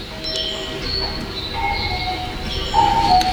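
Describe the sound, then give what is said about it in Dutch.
An underground metro train rumbles steadily, with thin high-pitched squeals and whistling tones from the wheels that could almost pass for birdsong, growing slightly louder toward the end. “Nee, dit is underground.”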